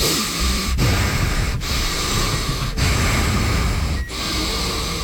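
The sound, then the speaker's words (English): A voice imitates the heavy, labored breathing of a man who had just eaten a pound of bacon and five sticks of butter: loud, rasping breaths in a steady rhythm, broken by brief pauses roughly every second, with no talking. “He was breathing terribly hard, and someone on our morning show said, hey...”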